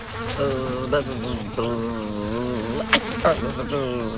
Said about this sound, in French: Ah, je la vois. C'est une mouche. Oh, mais attention, tu te cognes à la fenêtre de la cuisine. Essaye de rester un peu sans bouger. Je vais t'aider à sortir.